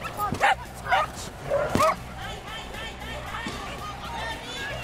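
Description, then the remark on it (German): Three sharp, high yapping barks from dogs at a dog competition, where dogs run one after another for points, spaced about half a second apart, over a steady hum of crowd chatter and background noise that continues after the barking stops. “Und schließlich rennt ein Hund nach dem anderen um Punkte.”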